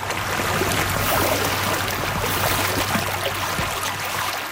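Steady rushing and babbling of water in a stream in Richmond Hill where stream restoration work is being done, constant for several seconds, with a low hum underneath and no voices.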